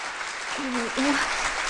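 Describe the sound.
Steady, dense applause from students and parents at a school event, welcoming a mother who is invited up to recite a poem in the parents' performance segment; it fills the whole stretch at an even level, with a short voiced sound briefly rising over it midway.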